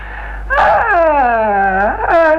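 A dog whimpers in a long, drawn-out whine that slides downward in pitch, then ends with a brief upward yelp; it is fairly loud, with no one talking.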